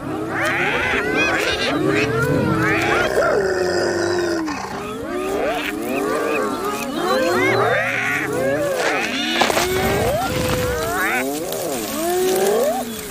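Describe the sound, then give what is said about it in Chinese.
A clan of spotted hyenas growls and squeals in a conflict over sharing out food, many rough, wavering calls overlapping in a loud, continuous squabble with no pauses. “社群的冲突最常发生在分配食物的时候。”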